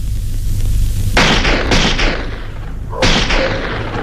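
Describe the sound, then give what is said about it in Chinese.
A loud burst of gunfire, shot deliberately to create chaos, breaks out after a low rumbling hum: several sharp shots crack in quick, irregular succession, a brief pause, then another volley, each shot trailing a rough echo. “这时枪声大作，其实这是韩老六的心腹李青山为了制造混乱特意打的。”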